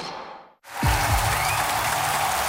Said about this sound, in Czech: Slyšíte ten potlesk? Ten patří nejen vítězům, ale hlavně lidem, kteří hrají podle pravidel fair play, jak na sportovišti, tak i v životě.